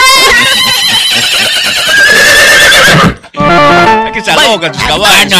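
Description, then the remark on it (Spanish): A person loudly imitates a horse's whinny, a long wavering neigh that breaks off briefly, then resumes in shaky, bleating bursts, with voices mixed in. “Sácale tu caballo, abuela. Tú no eres caballo, pero tienes mata.”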